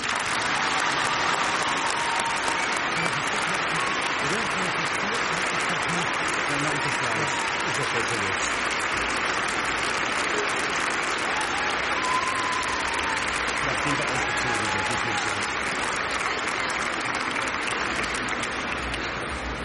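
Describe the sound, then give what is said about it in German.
An audience at a First Communion Mass claps steadily for about twenty seconds after the children's communion song, a dense, even wash of many hands at a constant loud level with no pauses or rhythm changes. “Jetzt dürfen wir auch klatschen.”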